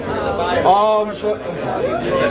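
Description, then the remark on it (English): A crowd following Jesus, gathering and coming through a gate, chattering: many overlapping voices form a steady, lively murmur, with a few louder voices rising briefly above the babble. “Sounds like a crowd's gathering or coming through the gate.”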